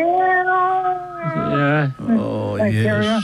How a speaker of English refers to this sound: Now, if we can only get rid of those bloody cats around you.